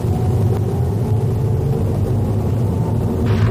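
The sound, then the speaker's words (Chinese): A steady, loud low rumble of a car driving west to east along Yunhe East Street in city traffic, at the tail of a queue of cars before a green light, with continuous road and engine noise, and a brief hiss near the end like another vehicle passing. No one speaks. “目前我们是由西向东行驶在运河东大街上。”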